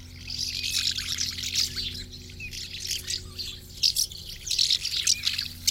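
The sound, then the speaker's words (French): A busy chorus of house martins twittering and chirping continuously, with rapid overlapping calls over a steady low hum, no voices present. “L'hirondelle de fenêtre, qui est plus petite et qui a le croupion blanc.”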